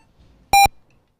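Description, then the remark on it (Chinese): A single loud, steady electronic beep of a radio time signal marking 17:00 Beijing time rings out for a fraction of a second, a bright mid-pitched tone with a buzzy edge, surrounded by near silence. “北京时间17点整，新海源钟表提醒您准确对时。”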